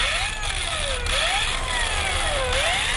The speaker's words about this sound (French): Le port de pêche de Tyr est calme en cette fin juin.